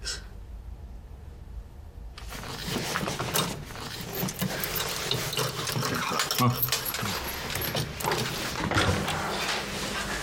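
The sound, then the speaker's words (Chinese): After a short quiet moment, metallic clinking and mechanical rattling begin as a lock is fitted onto a door, with busy, uneven handling noises continuing steadily. “咱们呢，在门上安把锁。”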